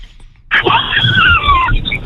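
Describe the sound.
A caller phoning in to a live French talk show imitates a horse's neigh with a single drawn-out, wavering vocal whinny that slides downward in pitch over about a second, fairly loud, with no other talking.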